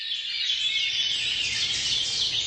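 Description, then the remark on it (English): A dense chorus of birdsong, many overlapping high chirps and trills blending into a steady, bright wash of sound, with no voices and a faint low rumble underneath. “One study has shown that people reported relief from feelings of worry and paranoia after hearing just a few minutes of birdsong.”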